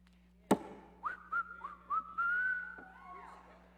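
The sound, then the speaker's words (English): Someone whistles a short, bright melody, a few rising and sliding notes then one long held tone, following a sharp click, with a low steady hum underneath. “Whistle while you work.”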